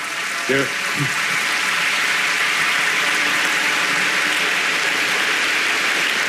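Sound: audience applauding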